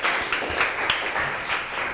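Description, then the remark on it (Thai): A group of students in a classroom claps together in steady, dense applause to encourage a fellow group, group 2, coming to the front to present its activity results. It is a continuous patter of many overlapping hand claps at even loudness throughout, with no talking over it. “เพราะฉะนั้นเดี๋ยวเชิญนักเรียนนะคะออกมานำเสนอผลการทำกิจกรรมหน้าห้องได้เลยค่ะกลุ่มอื่นๆขอเสียงปรบมือเป็นกำลังใจให้เพื่อนกลุ่มที่2หน่อยค่ะ”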